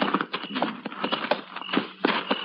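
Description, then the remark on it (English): Horse hooves clip-clop in a steady, slightly uneven rhythm of sharp knocks, moderately loud, with no voices over them, as horses approach a cabin at night in the foothills near Apache Peak. “Better tie the horses to that mesquite.”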